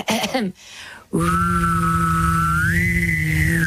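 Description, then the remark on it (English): After a brief burst of voice, one person whistles a steady high note while humming a low buzzy tone underneath at the same time; the whistle climbs slightly near the end. Fairly loud. “I did recall, though, that when I was a kid, I taught myself how to whistle and hum at the same time.”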